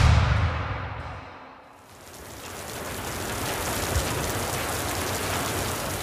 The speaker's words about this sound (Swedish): Regnet vräker ner från den mörka himlen.